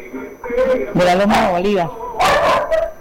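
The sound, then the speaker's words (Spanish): A small dog named Firulais barks and yaps at a radio listener's home in Loma de Bolívar, in a few loud, high-pitched bursts, with drawn-out whiny cries between them and no clear talking. “Eso, hasta el perrito escucha Voz Day allá.”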